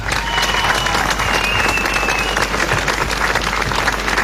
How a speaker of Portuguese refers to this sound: Festival de Jazz Lolé, para quem eu peço uma grande, grande salva de palmas.